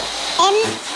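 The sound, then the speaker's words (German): A released balloon deflating as it flies in a zigzag during a balloon race, a steady rush of escaping air with a brief, wavering high-pitched squeal midway through, all over in about a second. “Menno, meiner fliegt im Zickzack.”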